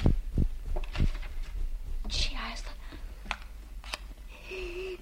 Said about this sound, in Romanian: A prins un chibrit.